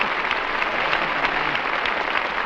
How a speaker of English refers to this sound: I should have remembered some applause for Portland, too. It would have helped out there.